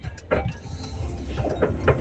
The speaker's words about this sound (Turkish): Evet, biraz önce bir dinleyicim aracından sesli mesaj gönderdi ama araç takır tukur takır tukur dökülmek üzereydi.